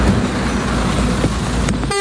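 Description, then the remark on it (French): Loud, busy traffic at a crowded Petro-Gabon petrol station in Ovendo, Libreville, Gabon, just after a fuel tanker truck arrived, with a steady rumble of idling and passing engines, then a car horn honks sharply near the end. “Le camion citerne vient à peine d'arriver que la station-service de Petro-Gabon à Ovendo est prise d'assaut.”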